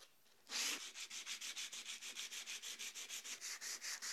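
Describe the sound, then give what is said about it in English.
Coarse 60-grit sandpaper rasps back and forth over wood by hand to strip the wood, in a steady, quick rhythm of about twenty loud strokes, starting after a brief quiet moment with no talking. “So 60 grit is a really good choice to start stripping this wood.”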